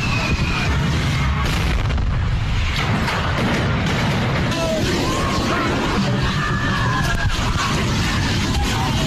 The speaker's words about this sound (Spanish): varias personas resultaron heridas, seis de ellas de gravedad, luego de la explosión de tanques de gas de puestos callejeros que fueron alcanzados por el fuego durante la quema de pirotecnia en las fiestas patronales de Amatitán, Jalisco.